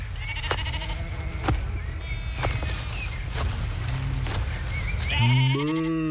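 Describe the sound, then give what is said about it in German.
A single grey sheep with shaggy, partly matted fleece, by a beech tree with red leaves, bleats loudly near the end, a wavering drawn-out cry, after a stretch of outdoor ambience with faint scattered clicks and rustles. “Als die beiden zur Buche mit den roten Blättern kommen, sehen sie ein graues Schaf mit zotteligem Fell.”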